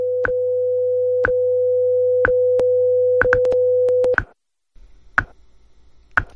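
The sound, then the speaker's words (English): A radio top-of-the-hour time signal on station WIZULP Newark: a steady electronic hum with sharp ticks roughly once a second, clear. After about four seconds the tone stops abruptly, and a couple more ticks follow over near-silence. “At the tone, we've reached the top of the hour.”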